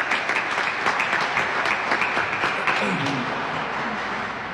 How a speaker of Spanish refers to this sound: A ver, fuertes aplausos para todos los maestros.